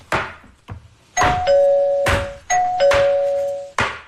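A two-tone electronic doorbell chimes twice as a visiting old classmate arrives, each ding-dong a bright high note stepping down to a lower sustained tone, preceded by a few sharp knocking thuds.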